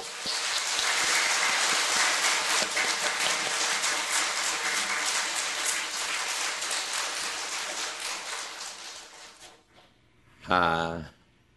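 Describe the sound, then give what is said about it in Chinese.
Sustained, dense clapping from a large crowd welcoming guests at a one-day Zen practice gathering fills about nine and a half seconds, then fades and stops, followed by a short burst of a voice speaking. “首先呢，我们在热烈的掌声来欢迎。”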